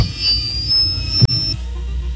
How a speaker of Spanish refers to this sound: Sonando el teléfono de la señora Yolanda Verástegui. No contesta.